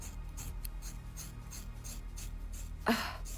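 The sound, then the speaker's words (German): Scissors cutting through a person's long, thick hair, a steady series of soft, crunchy rasping snips ending in one louder, sharper cut. No one speaks. “Ich komme mit der Schere.”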